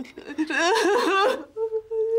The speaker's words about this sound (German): Nicht weinen, Kleines.